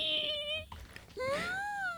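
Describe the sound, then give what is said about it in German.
A voice imitates tiny frogs screaming: two high, strained, wailing cries with a brief gap between, the second rising and bending in pitch, sounding almost like a baby's cry. “Kennt ihr diese ganz, ganz, ganz kleinen Frösche, die so anfangen, so richtig zu schreien?”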